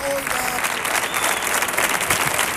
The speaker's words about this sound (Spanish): ¡Dios! ¡Atronadora la ovación, eh! Vamos, esto ni los tres tenores cuando cantaban. Pavarotti era un minuto menos.